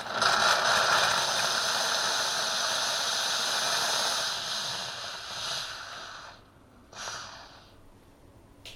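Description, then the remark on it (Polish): A loud, steady hiss of steam blasting through a coffee machine's milk frother hose for about six seconds, purging, drying and disinfecting it, then cutting off, followed by a short second burst of steam. “Teraz on się będzie przedmuchany parą.”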